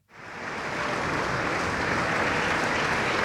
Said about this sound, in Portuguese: Palmas para …, na Voz do Operário, e também ele operário de tantos poemas e canções da língua portuguesa, no último adeus um mar de outras vozes que juntas compõem o … por ….